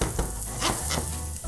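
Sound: stir-frying vegetables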